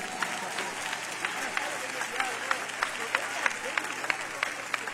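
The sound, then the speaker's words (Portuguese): A crowd claps steadily for several seconds in praise of Jesus, a dense wash of hand claps with sharper individual claps popping out above a constant hum. “Então vamos bater mais palmas para Jesus.”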